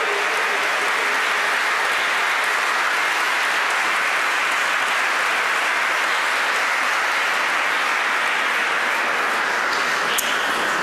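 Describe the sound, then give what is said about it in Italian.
An audience claps steadily and loudly for about ten seconds for the young Outing Girls Choir from Hungary, a dense, even wash of applause with no voices and no break. “Facciamolo ancora, va un bel applauso alle giovanissime Outing Girls Choir, la corale dell'Ungheria.”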